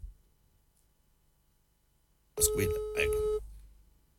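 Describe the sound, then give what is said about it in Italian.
After near-silence, a single steady ringback tone of an outgoing phone call to the Ugo Lamento Show sounds for about a second, fairly loud, over a noisy, muffled background. “Squilla, ecco.”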